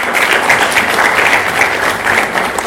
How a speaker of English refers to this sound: Another clap for Dr.